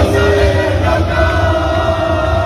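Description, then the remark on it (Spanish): A large crowd of Málaga football fans cheers and shouts continuously as the team returns in the early morning after winning in Las Palmas, a dense, loud wall of voices with yells rising over the steady roar throughout. “Y el Málaga ha vuelto esta madrugada después de ganar ayer en Las Palmas, encarrilar así la primera eliminatoria por el ascenso. Ese era el ambiente.”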